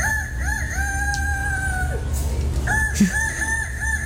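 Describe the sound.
A person imitates a rooster crowing, a loud, convincing cock-a-doodle-doo with rising and warbling tones, delivered in two long bursts with a short break between them. It is the first-place entry of a contest, won for a second year in a row.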